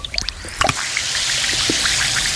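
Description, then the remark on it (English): A few quick plinks as something drops into water, then a steady crackling fizz of an Alka-Seltzer effervescent tablet dissolving, sustained and even for the rest of the moment with no voices. “That's Alka-Seltzer, the sound of fast heartburn relief.”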